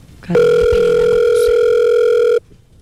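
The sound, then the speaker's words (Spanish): A single loud, steady electronic phone tone holds for about two seconds before cutting off, like the beep of a call going to voicemail; no one speaks. “No, después del tono, grabe su mensaje.”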